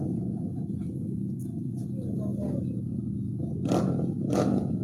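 A race motorcycle, machine number 5, rumbles steadily as it approaches the start, with rising revs and two sharp bursts of throttle near the end as the competitor accelerates. No one speaks.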